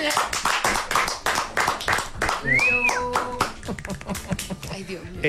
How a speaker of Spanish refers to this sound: Llega a aplaudir, huevón.